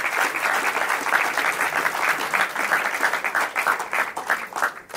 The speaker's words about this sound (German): Ein großer Applaus trotzdem für unsere beiden Finalisten.